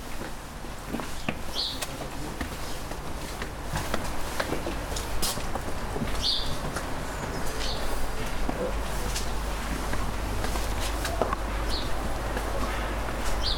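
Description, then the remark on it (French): Short, high bird chirps ring out a few times at irregular intervals over a steady outdoor wash of noise and a low rumble, with faint voices in the background. “Ah, on a des oiseaux, là.”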